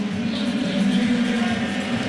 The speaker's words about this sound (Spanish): Y el turno ahora, van a escuchar el abucheo porque viene Juan Soto.